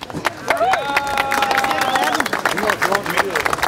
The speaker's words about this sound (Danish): Og der bliver klappet.